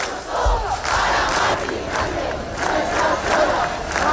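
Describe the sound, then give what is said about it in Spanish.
A protest crowd of about 10,000 people in Madrid, Spain, chants in unison in front of a penthouse bought by the regional government. The chanting is loud and sustained, with rhythmic rising shouts and a dense roar of many voices filling the whole clip. “Sonido de Madrid, donde cerca de 10.000 personas se concentraban frente al ático comprado por la comunidad.”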